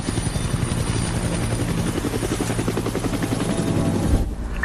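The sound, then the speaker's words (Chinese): A search-and-rescue helicopter of the air unit for the Shenzhou-16 capsule return, about 40 km from the theoretical aim point: its rotor thumps steadily and loudly throughout, a dense rhythmic chop with a continuous engine roar underneath, no voices. “空中分队距离理论瞄准点40公里，直升机状态良好。”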